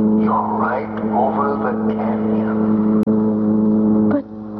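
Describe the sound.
A car engine runs loud with a steady, throbbing drone throughout, while a voice talks over it and a sharp click cuts through near the end.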